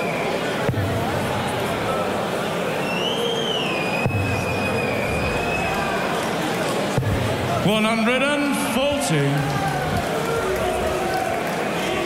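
A noisy crowd at a darts match murmurs steadily while long, gliding whistles aimed at the player Zonneveld rise and fall above the din, followed by a burst of sharper, warbling whistles and shouts from the audience.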